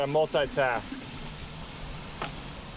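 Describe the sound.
Water is drawn for a sauna infusion in Seattle by repeatedly pressing a dispenser, pouring in a steady, soft hissing rush that fills the whole clip, with a brief voice over the start and a single faint click near the end.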